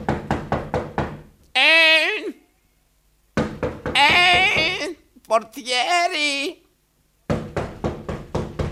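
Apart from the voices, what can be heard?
knocking on a door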